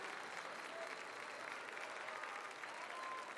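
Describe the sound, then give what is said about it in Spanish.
Steady applause from an audience fills the moment, a dense, continuous patter of clapping hands with no gaps and no voices standing out. “Demasiada como para tan poco aplauso.”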